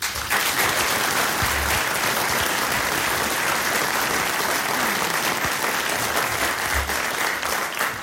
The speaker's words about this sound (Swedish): Men innan jag gör det så tänkte jag även tacka de tjänstepersonerna som har hjälpt oss med att ro dessa möten i hamn och all annan kringpersonal. Och så faktiskt en stor applåd till er.